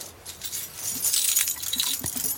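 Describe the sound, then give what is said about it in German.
A bunch of keys to every apartment in a building jangles, a bright metallic rattling and clinking that shifts in bursts for a couple of seconds with no voices. “Sehen Sie, Frau Geißler, ich habe alle Schlüssel zu jeder Wohnung, auch zu Ihrer.”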